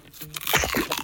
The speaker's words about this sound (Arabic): سمعتوا القرمشة العالية؟